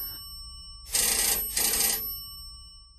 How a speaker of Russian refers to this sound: Зазвонил телефон. Резко, настойчиво, отчаянно. Он находился в смежной комнате, и никто не успел шелохнуться, как Браун бросился туда.